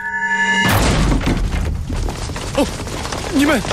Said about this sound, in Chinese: 给我砸门！